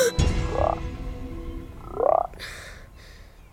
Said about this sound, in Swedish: 2 grodor? Var kom de ifrån?